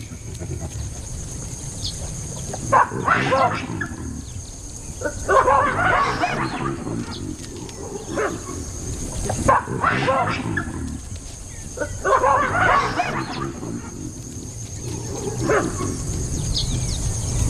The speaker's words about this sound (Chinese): 占主导地位的狒狒想要杀死一只非洲野犬轻而易举，今天它的叫声显然远不及利齿那般有效